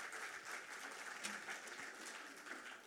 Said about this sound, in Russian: Ваши аплодисменты, дорогие друзья.